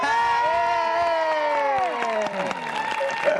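An audience claps steadily throughout, a dense wash of applause, while sustained cheering voices rise and fall over it before easing off near the end.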